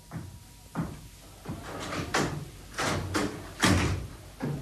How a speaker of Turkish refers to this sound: Kapıyı ben açarım.